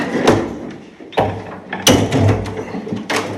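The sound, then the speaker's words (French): Heavy metal window shutters with greased hinges being opened: a series of loud clanks and thuds at uneven intervals, with grinding, rattling mechanical noise between them and no voices. “Donc si la fenêtre, les volets un peu, mais bon c'est du métal, c'est normal, si la fenêtre grince pas trop, c'est grâce à vous, c'est ça ?”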